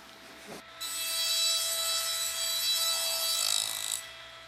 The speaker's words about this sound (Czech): V Tyrolsku se Swarovskému daří skvěle. V továrně sviští už ne jeden, ale čtyři brusné stroje.